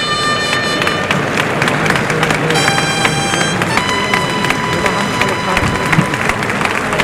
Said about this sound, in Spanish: Y mira la ovación que se lleva Espartaco picador. Ha hecho muy bien la suerte.